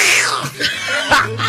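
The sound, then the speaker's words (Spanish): A person gives a rough, raspy growl imitating a big cat, with a couple of harsh breathy bursts over a low steady hum, fairly loud. “¿Cómo le hace el gato grande?”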